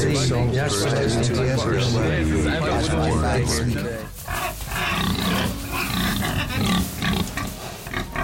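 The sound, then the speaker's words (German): Loud, repeated pig grunts and snorts mixed with a crowd of men talking and laughing, followed by a denser, noisier stretch with sharp bursts continuing under the grunting. “Na, vorher war halt sehr, sehr viel männliches Gerede und Schweinegrunzen erklärt sich ja dann von alleine”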